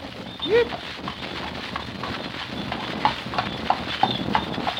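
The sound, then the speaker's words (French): A horse's hooves clip-clop at a steady walking pace while pulling a carriage through the Bois de Saint-Germain in very hot weather, the knocks over a continuous rolling rumble, with a brief voice early on. “Le pauvre cheval doit être bien fatigué.”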